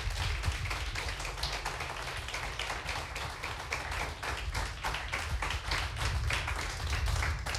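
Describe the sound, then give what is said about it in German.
Sustained applause from an audience as performers are called back onto the stage for a vote, dense rapid clapping filling the whole stretch at a steady, fairly loud level with no voices above it. “Wir kommen jetzt wieder zur Abstimmung und unter Applaus bitte ich noch einmal auf die Bühne”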